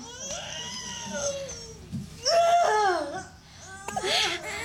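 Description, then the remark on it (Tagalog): A newborn baby boy, just delivered, cries in high, wavering wails, three bursts rising and falling in pitch, with the middle cry the loudest. “At last! Gumawas na kihapon ng baby.”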